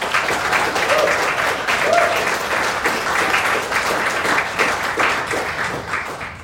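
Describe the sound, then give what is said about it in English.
Sustained applause from an audience, a dense steady patter of many hands clapping at once, loud, tapering slightly at the end. “Please give them all a stirring round of applause.”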